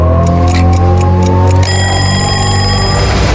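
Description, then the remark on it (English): A clock ticks in a quick, steady rhythm for about a second and a half, then an alarm clock rings with a bright, sustained tone, all over a loud low-pitched musical drone. “When the clock ticks at 6:30,”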